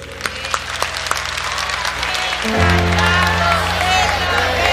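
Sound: studio audience applause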